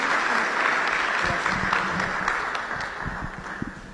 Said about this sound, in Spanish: Un aplauso fuerte y nada. Como si fuera que estuvieron súper bien.